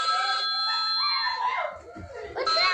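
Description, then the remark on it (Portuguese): A child shrieks with excitement, loud, in rising and falling high-pitched bursts, as the family places its first food-delivery order, a brownie, while a steady electronic ringing tone runs underneath and other voices join briefly near the end. “O nosso criança gritando, pai, esposa.”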